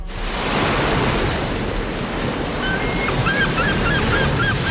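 Ocean waves wash steadily onto Playa de la Ribera, an urban city beach on the south shore of the Strait of Gibraltar, in a loud, continuous roar of surf, with faint high chirps appearing near the end. No one speaks.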